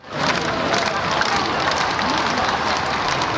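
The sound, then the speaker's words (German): A dense outdoor crowd of hundreds of thousands lining the Champs-Élysées in Paris roars continuously as the Pope passes in an open popemobile, a wash of cheering, chants and scattered clapping that stays loud and steady throughout, with indistinct voices blended into the din. “Hunderttausende Menschen säumen die Champs-Élysées, jubeln dem Papst mit Vatikan- oder Frankreich-Fahnen zu, als er im offenen Papamobil die Straße entlang fährt.”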